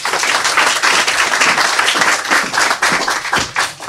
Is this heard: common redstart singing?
no